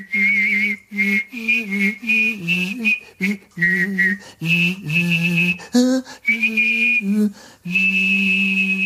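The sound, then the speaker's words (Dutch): One person whistles and sings at the same moment, the technique devised by Wim T. Schippers, proposed as a TV jingle: a high steady whistle riding above a low hummed vocal line, in short melodic phrases broken by brief pauses. Clear and fairly loud, with no talking. “Schippers, waarbij hij zowel fluit als zingt.”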